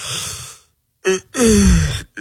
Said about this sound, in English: are you yawning? I'm not fighting it.